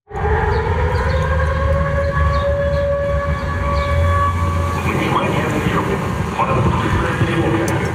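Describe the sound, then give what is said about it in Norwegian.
A loud, steady drone air-raid siren in Sevastopol, Crimea, wails continuously over busy outdoor background noise, warning that Ukrainian drones are heading for the city; its sustained tone holds at an even pitch for the whole stretch with faint street sounds beneath. “Dronealarmen går mens NRKs reportasjeteam er i Sevastopol, den største byen på Krym.”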